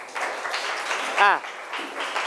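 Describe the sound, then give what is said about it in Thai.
A class claps together for student group 2 after their presentation on measuring a flagpole's height, a steady, dense patter lasting a couple of seconds, with a short voiced cry rising over the applause partway through. “ปรบมือเพื่อนกลุ่ม2หน่อยครับ”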